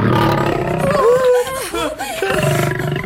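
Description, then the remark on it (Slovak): A lion in a circus roars loudly, a deep rumbling growl with wavering, sliding pitch lasting a few seconds, set against a dense background of noise. “Zakrývali si oči od strachu, keď videli leva, ktorý mohol krotiteľovi odhryznúť hlavu, lebo mu ju sám ponúkal.”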